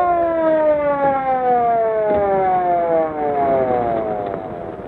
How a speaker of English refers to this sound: Oh, here's the ambulance now.